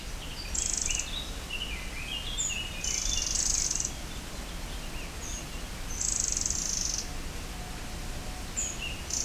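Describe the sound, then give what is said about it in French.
A waterfall rushes behind the speakers in a steady, unbroken roar, while bursts of high insect trills and scattered bird chirps rise above it. No one speaks. “Là, vous entendez peut-être le bruit d'une cascade derrière nous.”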